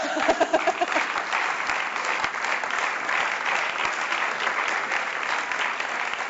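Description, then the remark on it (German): Sustained applause from many hands in a parliament chamber, welcoming visitors in the gallery from the Bildungszentrum Kiel: a dense steady clatter of claps holding at an even loudness for several seconds, with a brief voice at the very start. “Liebe Kolleginnen und Kollegen, begrüßen Sie mit mir Besucherinnen und Besucher auf der Tribüne, einmal aus dem Bildungszentrum Kiel. Applaus.”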